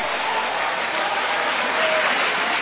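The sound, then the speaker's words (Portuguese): An audience at a church service applauding steadily after a Bible reading, a dense wash of many hands clapping at once, fairly loud and sustained throughout with no talking over it. “Isso, e podem aplaudir, podem exaltar, podem glorificar.”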